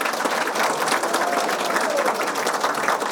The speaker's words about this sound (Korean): 여러분 안녕하십니까? 신입 장애 대학생 노트북 전달식. 여러분의 커다란 환호와 박수로 노트북 전달식을 시작하겠습니다.